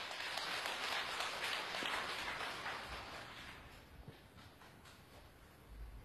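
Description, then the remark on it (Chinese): An audience at the Shanghai Broadcasting Building bursts into applause welcoming the producer of the new Kunqu opera "Bai Luo Shan", director of the Suzhou Kunqu Opera Theatre: dense, steady clapping that holds strong for about three seconds, then gradually thins and tapers off, with no voices over it. “掌声请出蔡院。”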